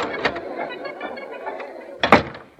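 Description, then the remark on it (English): A backstage door at a theatre opens after a performance: scraping and rattling handle noises, a brief clatter early on, then a louder sharp clunk of the latch near the end. “I'll get in this door.”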